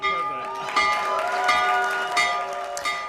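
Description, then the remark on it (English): The New York Stock Exchange opening bell, rung by President Trump from the Oval Office, rings loudly and continuously with a steady, sustained metallic tone, while a crowd cheers and voices clamor underneath, with a few bursts of louder cheering. “he's also been ringing the opening bell for the New York Stock Exchange.”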